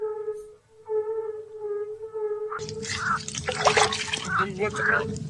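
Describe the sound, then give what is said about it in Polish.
A steady humming tone plays alone, then water pours in a loud, continuous splashing rush that lasts to the end, with a voice speaking briefly over it. “Dolej wody.”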